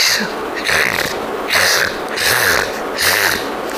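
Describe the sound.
A voice imitates snoring: about five quick, evenly spaced rasping snorts, each a loud breathy burst with a low rumbling throat tone, repeating in a fast rhythm with no talking.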